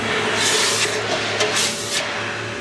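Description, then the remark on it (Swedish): Hot metal is dropped into a bucket of water and hisses steadily, with a few louder bursts of sizzling spray rising and fading over a couple of seconds, with no one talking. “Då tänker jag droppa den här i hinken nu. Jaha. Jag kommer att pysa och fräsa och greja, okay.”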